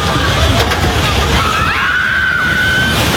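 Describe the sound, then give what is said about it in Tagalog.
Earthquake shaking and a fast food restaurant building collapsing: a steady, heavy roar of rumbling and crashing debris, with a thin, high cry rising over it and scattered voices in the din. “patuloy ang pagyanig hanggang sa...”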